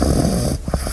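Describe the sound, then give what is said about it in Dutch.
A puppy snores, one long rasping rumble followed by a few short snuffling breaths, fairly loud and with nothing else in the background. “Eens luisteren wat je puppy daar zelf eigenlijk van vindt.”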